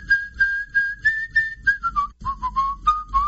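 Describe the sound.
A person whistles a clear, melodic tune, holding steady notes before sliding lower through a run of shorter phrases, with no talking over it.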